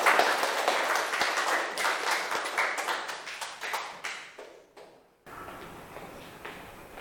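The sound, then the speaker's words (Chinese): A crowd of people applauds steadily to welcome the food blogger group up as the last group, the dense clapping fading out briefly before a softer round of clapping resumes near the end. “好，来，美食博主小组有请，大掌声欢迎。”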